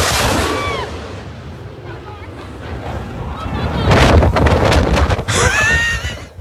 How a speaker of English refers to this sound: It is, suffice to say, an incredibly low flyover. Right? Right here? Right there. That's... The blowback is astonishing after this jet goes over.